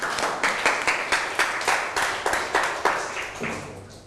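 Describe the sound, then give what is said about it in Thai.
Students in every group of a class lesson clap for themselves together in a steady rhythm, about two claps per second, with many hands blending into a broad, moderately loud burst on each beat and no talking. “เก่งมากครับทุกกลุ่มปรบมือให้ตัวเอง”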